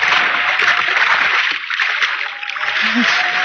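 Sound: splashing into water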